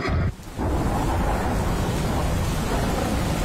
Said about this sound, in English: Relax and unwind to the sound of a stormy night over the Midlands.